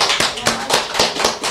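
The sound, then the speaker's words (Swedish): Hands clap in a quick, steady rhythm, about half a dozen sharp claps, like a small group or a few people applauding a man who was interviewed, with no talking. “Han är så duktig, jag tycker vi ska ge honom en applåd.”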